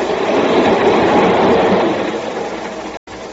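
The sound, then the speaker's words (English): A train rumbles steadily along railroad tracks, a loud, continuous roar of wheels and cars, with a faint clatter and a brief dropout near the end. “Now, Victor Dietrichson is dead, and I'm taking his train trip for him.”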